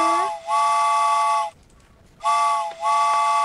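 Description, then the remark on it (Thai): A loud steam train whistle sound effect blows in two long, harmonic blasts separated by a short pause, each with a brief dip partway through, with no speech. “เตรียมรวยกันได้เลยนะคะรถไฟออกแล้วนะ”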